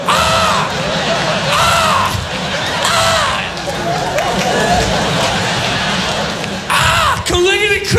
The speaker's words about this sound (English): You gotta come see the crows outside my window? Cause they go, ah! Ah!